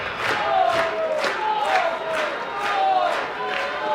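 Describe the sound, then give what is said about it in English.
A raucous stadium crowd at a ballpark during a baseball game cheers in a loud, steady roar, swelling in rhythmic bursts like chanting or clapping, with shrill whistles cutting through now and then. “It was a raucous crowd here tonight.”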